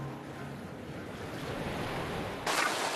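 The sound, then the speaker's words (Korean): Gentle sea waves wash steadily onto the shore of Dokgeodo island as the tide goes out and the waves calm, while seaweed is harvested. The waves make a soft, continuous hiss, with a slightly brighter surge of water near the end and faint wind in the background. No one speaks. “어느새 물이 빠지고 파도가 한결 잔잔해졌습니다.”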